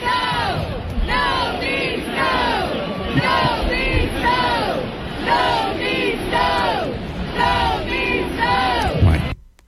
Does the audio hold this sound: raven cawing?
no